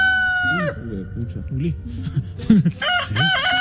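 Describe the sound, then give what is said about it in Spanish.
A loud rooster crow rings out with a long, strained cock-a-doodle-doo, followed by a few shorter warbling squawks and clucks that carry on to the end. “le pusieron el gallo, el gallo Claudio”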